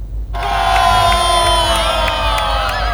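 After a brief moment of quiet, a large crowd of thousands erupts into loud, sustained cheering and whooping that carries on steadily to the end. They are on the apron of Lanud Samsudinur Banjarmasin in Banjarbaru, South Kalimantan, Indonesia, watching the Indonesian Air Force's Jupiter Aerobatic Team air show on Thursday, 4 June.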